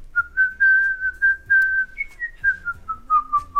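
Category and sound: human body sound, person whistling a tune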